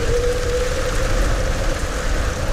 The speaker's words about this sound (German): Richtig viel Regen.